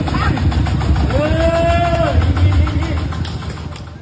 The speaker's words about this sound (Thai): นี่ค่ะช่วยพ่อค่ะขับรถไถ